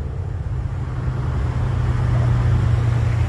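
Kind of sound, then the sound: vehicle, car parking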